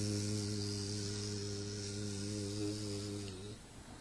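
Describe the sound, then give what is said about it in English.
A bee buzzes in flight, a steady low droning hum that holds for a few seconds and then cuts off abruptly, leaving only faint outdoor background. “When bee is flying, she is chanting her mantra. You can hear them.”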